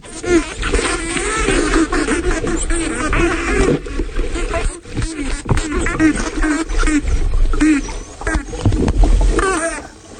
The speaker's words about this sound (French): Alors là, qu'est-ce que l'on entend? Alors là, on est immergé aux Bahamas avec des dauphins tachetés et on a deux sous-groupes d'adultes et de juvéniles qui sont en train un peu de jouer aux gendarmes et aux voleurs et ils vont se faire face.